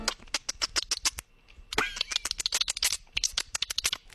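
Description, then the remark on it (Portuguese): A voice imitates a dolphin with the mouth, producing rapid trains of sharp mouth clicks with a short rising and falling whistle in the middle, fairly loud, with no talking. “Ele tá fazendo o barulho do golfinho com a boca, gente.”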